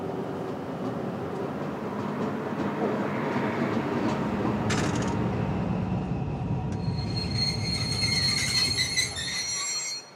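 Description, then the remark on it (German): A freight train bound for Wilhelmshaven rumbles steadily through a station to its end, its heavy rolling noise filling the scene, then high-pitched wheel squeal rises over the last few seconds before the sound cuts off. “Jetzt fahren wir erstmal durch den ganzen Bahnhof durch bis zum Ende.”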